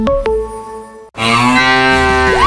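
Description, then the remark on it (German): A cow moo sound from a mooing Müllermilch milk bottle in a prize promotion: two short bursts, then one long, loud, drawn-out moo that rises and bends at the end, clear with no talking. “Finde eine der noch 4 verbleibenden Muhenden Müllermilchflaschen und gewinne 50.000 €”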